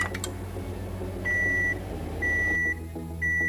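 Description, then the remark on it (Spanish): A microwave oven beeps three times, each a steady high-pitched electronic tone of about half a second, evenly spaced over a low humming background with no talking. “El horno de microondas es uno de los electrodomésticos más populares de la era moderna, ya que ha revolucionado la forma en que cocinamos y calentamos los alimentos.”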